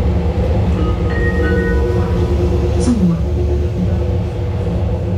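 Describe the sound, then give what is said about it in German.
A train rumbles steadily at a railway station on a sunny May day, its deep, continuous drone loud, with humming mechanical tones and a brief screech of metal partway through. “Als ich am Bahnhof aussteige, schauen mich auch schon ein paar Leute mit einer Mischung aus Skepsis und Besorgnis an.”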